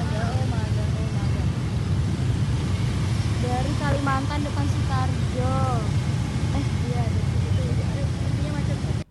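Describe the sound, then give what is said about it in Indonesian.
A steady, dense low rumble of idling and creeping motorcycles and cars in an afternoon traffic jam at the DPR roundabout, moving only a few meters then stopping, fills the scene from start to finish, with people talking briefly over the constant traffic noise. “nampaknya ini juga kondisi traffic di sore hari ini, tepatnya di bundaran DPR. Jadi kita terjebak macet.”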